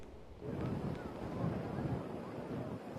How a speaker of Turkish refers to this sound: Şu an bir rüzgar şiddetini arttırdığını, günün sabah saatlerine göre arttırdığını söyleyebilirim. Aslında bu uyarıları birkaç gündür İstanbul fırtına uyarılarına maruz kalıyor.